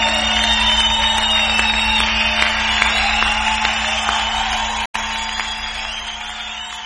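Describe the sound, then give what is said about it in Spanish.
A crowd applauds and cheers in a steady, dense wash of clapping that carries on throughout, with a brief cut near the end and a low hum underneath. “aplauso.”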